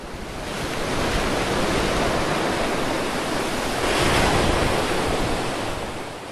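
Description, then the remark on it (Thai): Rough sea waves crash in a continuous, loud roar of surf, swelling slightly and cresting again near the end, with no voices present. “ท้องทะเลช่างไร้ความปราณีต่อเจ้าตัวเล็กนี่จริง”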